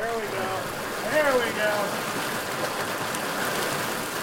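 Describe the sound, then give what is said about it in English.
A steady rush of water at Ferry Creek in Bandon fills the scene, with splashy movement as tribal fisheries workers wade into the creek and stretch a seine net across the water, pushing hundreds of finger-sized smolts downstream; faint voices are briefly audible early on. “Tribal fisheries workers wade into the creek and stretch a seine net across the water, pushing hundreds of finger-sized smolts downstream.”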